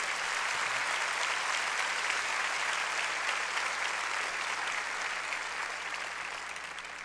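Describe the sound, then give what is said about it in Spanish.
An audience applauds for the Lord during a church sermon in a steady, dense wash of clapping that holds strong for several seconds before easing slightly at the end, with no voices over it. “Dale, dale a nuestro Señor ese aplauso.”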